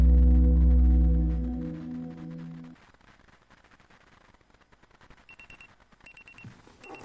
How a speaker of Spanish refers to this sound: El despertador.